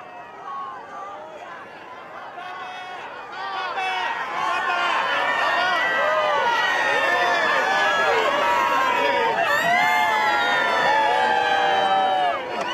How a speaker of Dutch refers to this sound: We kunnen het horen, beste luisteraars, er is weer zeer veel volk verzameld op het Sint-Pietersplein om de Heilige Vader te begroeten en te kunnen aanhoren.